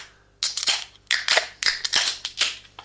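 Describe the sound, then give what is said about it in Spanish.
A beer being opened: a string of sharp, crackling metallic bursts with hissy high edges, about six in an uneven rhythm, fairly loud and with no one talking. “Y vamos a abrir la cerveza.”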